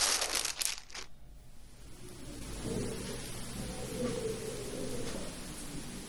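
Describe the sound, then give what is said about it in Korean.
Soft paper rustling and crinkling as flower petals, stems and leaves are laid out neatly on clean paper for pressing, with a few sharper crackles at first, then a steady low shuffling as sheets are handled. No one speaks. “그 다음에는 깨끗한 종이 위에 꽃잎들을 가지런히 놓습니다.”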